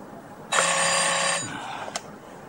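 A single loud, buzzing ring of a telephone bell in the office of a port fleet deputy chief lasts just under a second, then cuts off, followed by a faint click of the receiver being picked up.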